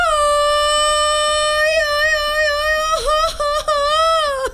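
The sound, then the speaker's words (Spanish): A mariachi-style Mexican grito, the shout given on September 15: one voice holds a loud, high-pitched cry for about three seconds, then breaks into quick warbling yelps at the end. No other sounds accompany it. “Y ahí viene el 15 de septiembre y ese día todos sacamos el grito mariachesco.”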